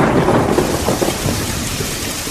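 Heavy rain pours down steadily with a deep rumble of thunder rolling underneath, a dense wash of storm noise filling the whole short stretch without any voices.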